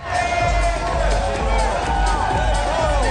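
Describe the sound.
A large crowd at a film festival cheers and applauds continuously as director Maëlle Toury and her film's lead actress arrive on the red carpet. A dense wall of clapping with shouts and whoops rising above it, loud, with excited voices mixed into the din.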